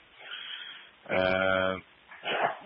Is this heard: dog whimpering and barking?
yes